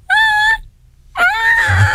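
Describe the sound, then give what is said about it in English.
Seamus, a pet cat, somewhere in the distance gives two loud, drawn-out cries with strong harmonic wails, the first about half a second long, then a pause and a longer, rising, strained yowl. “And that would be a pretty distinctive Seamus cry.”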